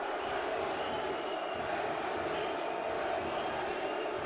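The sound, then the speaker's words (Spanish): A large stadium crowd at a football match roars and shouts back together in a dense, unbroken wash of many voices, holding a steady, fairly loud level throughout with no single voice standing out. “Y el público respondiéndole a los gritos de NYC a New York City.”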